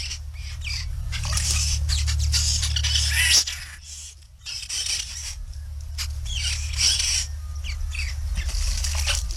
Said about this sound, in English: Now, I did want to hear, and I wanted to let you hear the babble of the white-browed babbler.